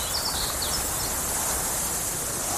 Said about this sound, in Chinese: 草原，大海。